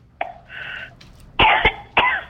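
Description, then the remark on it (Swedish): Three harsh coughs in quick succession, fairly loud, after a short throat sound and a breathy inhale. No one speaks. “Uff, jag är rädd att hosta.”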